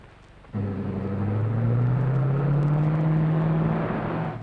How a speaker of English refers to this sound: Hey, what car is that? Well, it's Mr. Kruger driving the roadster.